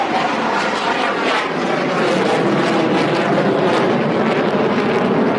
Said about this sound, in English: Hey, right now you can actually hear one of those fighter jets just flying over.